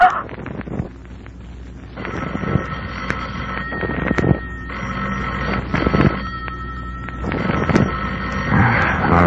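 A telephone bell rings in repeated long bursts, about three rings separated by short pauses, fairly loud and close, over a steady low background rumble.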